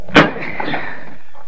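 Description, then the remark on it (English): A single heavy thud as a body rams into a solid wooden door, locked from the inside, to break it down; the impact is loud, followed by a brief rattling decay and quiet room tone. “Help me break down this door.”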